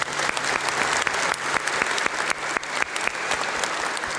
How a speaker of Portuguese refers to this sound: E todos os idosos que aqui estão, uma salva de palmas a eles.